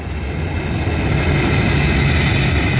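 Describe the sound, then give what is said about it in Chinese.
A loud, steady airplane engine roar fills the whole stretch, a dense rumbling drone with a hissing edge and no voices, as a high-end private airplane slowly lands at Fuzhou airport, Fujian, in June 1949. “这一天，一架高级私人飞机缓缓降落在福州机场。”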